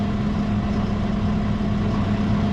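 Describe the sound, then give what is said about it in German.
A steady engine drone with a strong low-frequency hum, running continuously without pause, from a tractor engine rumbling at low speed as the tractor turns through a wide curve of more than 90 degrees, with no voices. “Abbiegen mit dem Traktor ist besonders gefährlich.”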